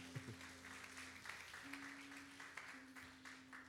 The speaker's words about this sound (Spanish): Un aplauso para Juan.